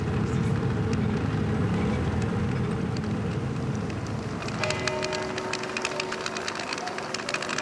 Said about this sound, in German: Ich dachte kurz, da kommt eine Lokomotive. Was war denn das für ein Hupen?